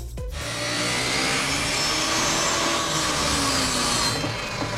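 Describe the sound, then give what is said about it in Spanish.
A power saw cuts steadily through wood for several seconds, a loud, continuous high-pitched whine with a rough buzzing grind, with no voices. “Dice que es una sierra, efectivamente es una sierra.”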